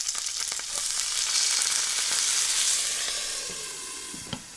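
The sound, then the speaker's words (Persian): Loud, steady sizzling as a tablespoon of water is added to stuffed vegetables (dolma) cooking in a hot pot and the lid is quickly put back, a bright hissing crackle that swells and then slowly eases over several seconds, with a sharp clink near the end. No one speaks. “در هنگام پختن یک قاشق غذاخوری آب اضافه کنید و سریع دوباره در قابلمه رو بگذارید.”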